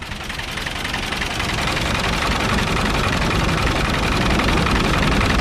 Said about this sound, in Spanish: Es el sonido del tractor.